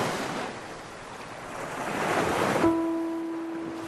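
Ocean waves wash and surge steadily against a blustery, cold winter wind at the seaside, swelling toward the middle; near the end a steady, faint low tone like a horn sets in beneath the surf.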